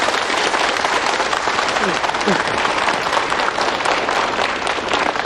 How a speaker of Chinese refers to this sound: 现在呢，就让我们用最热烈的掌声欢迎